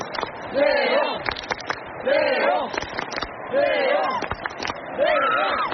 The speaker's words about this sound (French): mais tout de même, il a traversé cette fosse hein, dont on vous parle depuis le début de la soirée sur France Info pour aller au cœur de la foule sur une estrade, et il est, vous l'entendez derrière moi, acclamé par les tribunes. Écoutez.